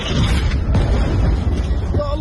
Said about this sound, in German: Der Schriftsteller schickt zwei Videos, aufgenommen in der Nacht, welche Explosionen im Zentrum von Gaza-Stadt zeigen.